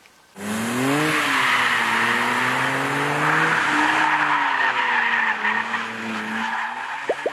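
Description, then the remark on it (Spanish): A Dodge Charger's engine roars steadily as it is driven hard on a test drive along the Tail of the Dragon mountain road in Tennessee, its pitch rising and falling through gear changes, with tires squealing and skidding throughout. Loud, no voices. “Pues esta fue la prueba de manejo desde Tale of the Dragon con el Dodge Charger, el cual ya se encuentra en nuestro país.”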